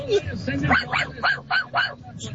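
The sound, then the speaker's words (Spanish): A small dog yaps in a rapid series of five or six high, sharp barks, moderately loud, over a low background hum with possible faint voices. “Oh, no, sí, fue un perrito de verdad.”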